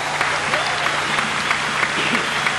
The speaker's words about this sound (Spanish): Un aplauso fuerte.